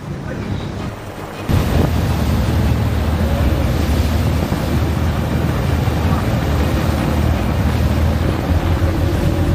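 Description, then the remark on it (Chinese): Six boat engines roar at full throttle as the boat turns on full rudder to flee, a dense, loud, continuous drone that kicks in abruptly after a quieter second and holds steady, mixed with rushing wind and water. “你看这个船打满舵，六台发动机同时开足马力逃窜的时候，我们就立即拉响了这个警报。”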